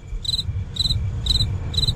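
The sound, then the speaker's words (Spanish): A cricket chirps in four evenly spaced bursts of rapid trills, clear, over a low background rumble with no voices. “Solo grillo, nada más.”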